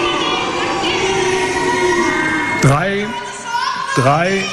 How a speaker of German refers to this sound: Von den Delegierten erntete er dafür Buhrufe.